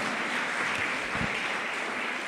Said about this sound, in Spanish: ¿Cuántos aquí queremos andar por el camino del Rey de Reyes, Señor de Señor? Denle ese fuerte aplauso a nuestro Rey Celestial. Amén.